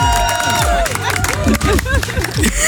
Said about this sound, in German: Da dürfen wir einmal hier großen Applaus.